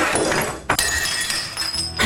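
A glass and pitcher are knocked over as a man collapses: a sharp thunk, then bright glassy clinks with a lingering ring, and another clattering knock at the end, over a dense rustling background.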